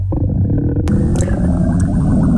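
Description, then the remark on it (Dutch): Loud, continuous low gurgling and bubbling bowel sounds, a dense churning rumble with irregular wet pops, heard alone with no talking. “Deze geluiden, dat dan begint te borrelen als je aan het presenteren bent.”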